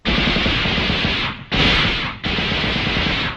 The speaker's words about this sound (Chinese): 冯队长，你听，枪声。 是李雄他们。 你怎么知道？ 一定是他们遇上了敌人了。